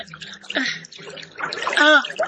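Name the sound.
splashing into water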